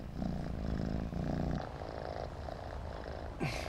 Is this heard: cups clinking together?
no